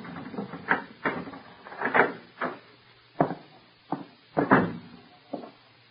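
Footsteps thud up the dark, hollow wooden steps of a darkened house overhanging the sea on Long Island, in an uneven rhythm, about a dozen dull knocks and scuffs, with a few sharper clunks that may be the door being unlocked with a key. No one speaks.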